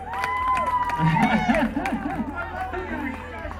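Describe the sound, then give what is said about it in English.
A lively crowd cheers and shouts, many voices overlapping in a steady, fairly loud roar with scattered clapping mixed in throughout. “What a crowd, man.”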